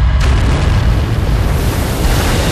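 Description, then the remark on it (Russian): A loud bomb blast as a bomb hits its target, destroying an anti-aircraft gun together with its crew, with a deep, sustained roar and rumbling debris that fills the whole stretch without fading, with no voices present. “И все-таки одна бомба достигла цели. Взрыв уничтожил зенитку вместе с расчетом.”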